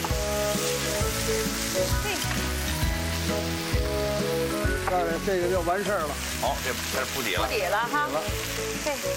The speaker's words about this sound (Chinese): 把这菜心炒一下， 炒点铺底，有点汁什么的染上了，咱来点盐花，它有味儿了啊。